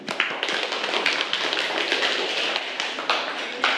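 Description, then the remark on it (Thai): A class of students claps together for their class representative, a dense, steady patter of many hands lasting a few seconds, with a few sharper claps standing out and no one speaking. “ซึ่งข้อนี้ถูกต้องค่ะปรบมือให้กับตัวแทนห้องของเราหน่อยค่ะ”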